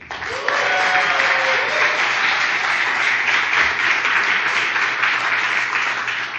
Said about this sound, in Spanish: Entonces quería aprovechar para pedirles un aplauso para mis acompañantes de esta noche.